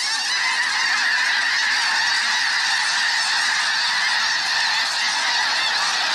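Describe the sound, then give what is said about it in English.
A dense, roaring chorus of snow geese calling from a huge flock of about 1,000 birds whirling in flight, countless overlapping honks merging into a steady, loud wall of sound with no pauses. “As the tornado of geese whirls in the air, their calls build to an enormous crescendo.”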